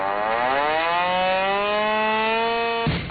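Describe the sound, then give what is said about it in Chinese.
A loud military alarm siren wails steadily at daybreak in the camp of a brigade of the Army's 83rd Group Army, sounding an unannounced combat readiness drill, its pitch slowly climbing as it winds up, sustained and urgent, with no voices present. “天刚蒙蒙亮，一阵急促的警报声骤然划破营区的沉寂。”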